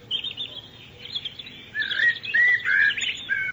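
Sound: small bird singing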